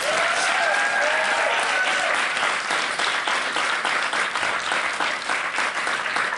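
An audience claps steadily for several seconds, a dense, even wash of many hands at constant loudness, with a few faint whistles or cheers rising above it early on.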